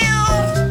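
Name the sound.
cat meowing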